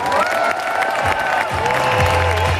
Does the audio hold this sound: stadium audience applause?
yes